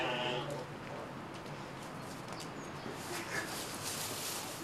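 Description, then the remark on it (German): Cameroon and Skudde sheep rams and billy goats bleat at a farm, one clear bleat opening the scene, then fainter calls scattered over a steady wash of outdoor noise. “Die Böcke der Kamerun- und Skuteschafherden und die Ziegenböcke warten auf weibliche Gesellschaft.”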